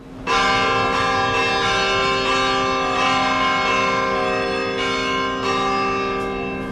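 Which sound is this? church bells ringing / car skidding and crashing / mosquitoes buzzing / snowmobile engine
church bells ringing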